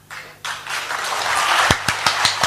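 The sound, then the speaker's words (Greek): Hand clapping that starts suddenly as a dense, scattered patter of applause, then settles into several loud, evenly spaced individual claps. “Χειροκροτάω κι εγώ, χειροκροτάω, μπράβο.”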